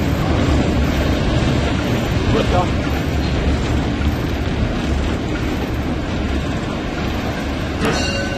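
Loud, steady roar of a locomotive cab in motion as the train enters Halberstadt, a dense rumbling din with rattling and clanking throughout, and a brief sharp metallic squeal near the end.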